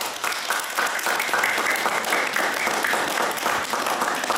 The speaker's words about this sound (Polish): To spróbujmy zrobić próbę braw. Co wy na to? Najpierw same dzieci. Bijemy brawo?